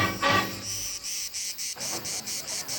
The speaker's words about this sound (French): J'avais pensé que les étoiles n'avaient jamais entendu le chant des cigales.